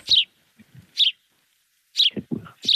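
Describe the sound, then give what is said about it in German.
A sparrow chirps in short bright bursts, four quick calls spaced irregularly, clear, with a few soft low thumps between them and no one speaking. “Das ist kein Buchfink. Das ist ein Spatz.”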